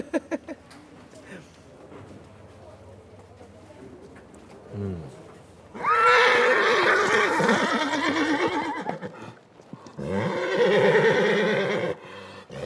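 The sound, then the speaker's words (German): Two loud, drawn-out horse whinnies ring out at the Fiesta de San Juan horse festival in Fornells, Menorca, the first long and shrill, the second shorter a moment later, with a faint crowd murmur and birds in the background. “Es scheint loszugehen. Die Fiesta de San Juan. Das große Pferdefest in Fornells.”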